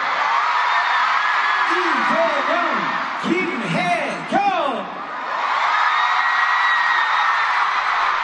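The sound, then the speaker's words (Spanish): A big stadium crowd at a concert at Estadio GNP in Mexico City gives a loud, sustained ovation welcoming South Korean President Lee Jae-myung, a dense roar of cheering throughout, with several high, swooping whoops and yells rising and falling above it midway. “fue recibido con una fuerte ovación.”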